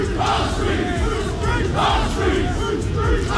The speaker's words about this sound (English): That was them shouting, "Whose street? Our street."